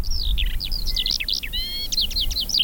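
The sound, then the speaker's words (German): A Eurasian skylark in semi-dry grassland sings a rapid, continuous stream of high warbling trills and chirps, clear, over a low rumbling background of wind or traffic. “Also das ist die Feldlerche.”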